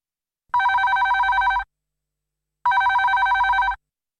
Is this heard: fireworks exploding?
no